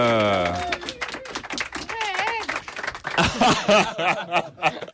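An audience breaks into a burst of applause that continues steadily for several seconds, mixed with scattered cheers and laughter, following a brief sustained tone at the start.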